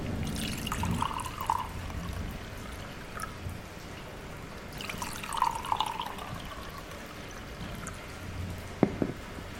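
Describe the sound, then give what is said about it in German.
Whisky glugs and gurgles as it is poured into glasses in two separate pours, followed near the end by a single bright clink of glass. No one speaks. “Aber der Whisky wird es auch tun. Wenigstens ist es der Geschmack meiner alten Heimat. Schenkt nur ein.”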